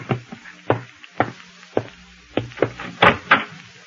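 Someone knocks at a door, a slow run of single raps that quickens into a louder, closer-spaced cluster of knocks near the end, with a low hum underneath and no talking.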